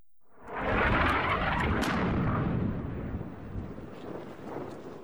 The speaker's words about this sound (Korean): 폭발음과 함께 짙은 흙먼지가 피어오릅니다. 친이란 후티 반군이 사우디의 지원을 받는 정부군과 치열한 교전을 이어가고 있습니다.